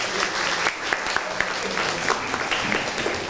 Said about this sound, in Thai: เอาเลยครับปรบมือให้เพื่อนหน่อยครับ